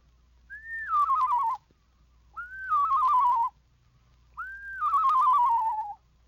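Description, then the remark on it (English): A person whistles three separate descending, quavering phrases, a la-la whistle on a lower descending scale, each rising briefly then wobbling downward in pitch, imitating a screech owl's song. Clear, with short pauses between, no talking. “Make the same whistle on a lower descending scale, and you have the song of the screech owl.”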